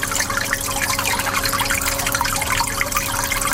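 Water circulates and bubbles steadily in tanks, a continuous gurgling wash with a faint mechanical hum underneath, even throughout with no voices.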